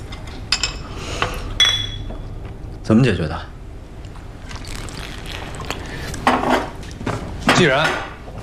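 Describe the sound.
Glasses clink together in a toast, a few bright ringing taps, followed by people talking amid light tableware clatter.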